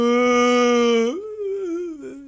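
A human voice imitates a mournful cow's moo: one long, sustained, droning low note that wavers and bends in pitch midway, then trails off, with no other sounds.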